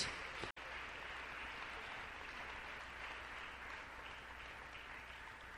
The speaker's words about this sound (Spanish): Démosle un fuerte aplauso al Señor en este día.